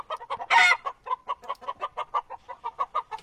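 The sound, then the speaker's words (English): Chickens cluck in a quick, steady run of short mid-pitched notes, with one louder, harsher squawk near the start. No voices are heard. “Let's bring the chooks back.”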